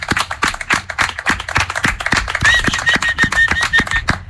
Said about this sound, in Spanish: Mereces ese aplauso y 1000 más, ¿eh? Desde luego que sí.